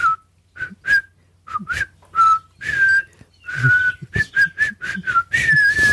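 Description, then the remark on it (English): Someone whistles a short, bouncy melody, a string of quick separate notes with brief pauses, ending in a slightly longer sustained phrase. No talking alongside. “Of course, if you do offer up your whistle special, as we just have done, you have to expect judgment.”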